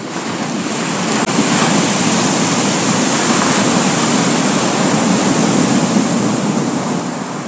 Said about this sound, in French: Des années plus tard, le Pacifique, bien que calme et tranquille de caractère, eut un véritable accès de colère. Il gonfla tellement que d'énormes vagues se brisèrent contre sa chère île.